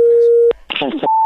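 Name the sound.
telephone line tone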